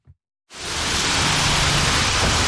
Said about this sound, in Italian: Salgo in macchina con Maria Esther Gonzalez mentre piove a dirotto.